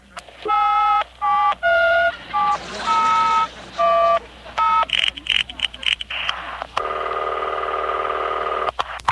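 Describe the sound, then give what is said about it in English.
A phone number picked from the phone book is punched in as a quick run of about seven loud touch-tone beeps, followed by clicks and a steady, buzzing line tone. “I'll just dial any number in the phone book.”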